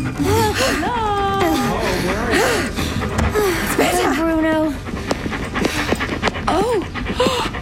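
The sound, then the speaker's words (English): A dog that has just been caught and is being held pants rapidly and steadily and fairly loudly. Excited voices talk over it throughout, with a few higher whimper-like sounds mixed in. “Good boy! Good, that's right! Boy. Be still! Dog. That's right! Doggy! Be still!”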